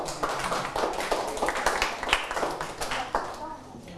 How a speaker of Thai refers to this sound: ถูกต้องครับนักเรียนนะดีมากเลยนะครับปรบมือให้เพื่อน